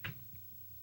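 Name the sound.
door closing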